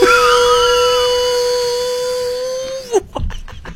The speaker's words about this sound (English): How'd you get the blow dryer?